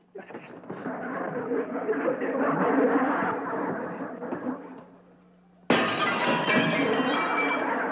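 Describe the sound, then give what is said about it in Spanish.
A stretch of muffled, rumbling commotion gives way to a sudden, loud crash as a house window's glass is smashed with a broom, the bright shattering ringing out and sustained until the end. “¿Por qué estás rompiendo los vidrios de mi casa?”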